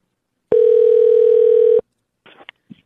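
A single long ringback tone sounds over a phone line as radio station 95.3 The Wolf calls this week's Gas and Go contest winner, a steady buzzing pitch lasting over a second, followed by brief faint clicks and rustles as the call connects.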